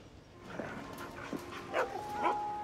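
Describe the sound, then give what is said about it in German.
Dogs give a handful of short yelps and high, rising whimpers, spaced irregularly over a few seconds against a faint steady hum. No one speaks. “Zeig dem Herrn die Hunde.”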